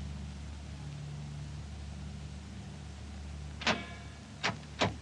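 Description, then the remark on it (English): A four-engine aircraft's engines are started one after another on an airfield, from port outer to starboard outer: a steady, low mechanical drone rumbles throughout, then three sharp coughing bursts near the end as an engine catches and sputters. “Starboard outer engine.”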